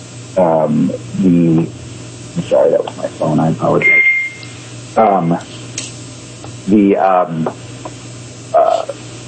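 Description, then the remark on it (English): A single short electronic alert beep from a new computer that could not be muted, a thin high tone lasting under a second, sounds partway through while people keep talking over a steady low hum. “No, I thought it was your microwave going off. I have my computer on, and I didn't.”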